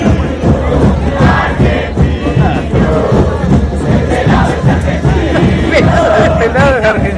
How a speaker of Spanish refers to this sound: Un pelado lo agarraron que estaba haciendo las veces de un tipo de seguridad y escuchen lo que le cantaba la gente.